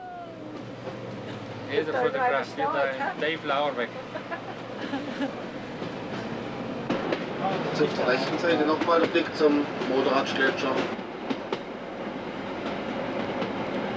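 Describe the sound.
A passenger train pulled by two railcars with 2000 PS rolls along the rails past the Modaratsch Glacier in the Bernina group, with a steady rumble and rhythmic clatter, while a man speaks over the running noise for much of the time.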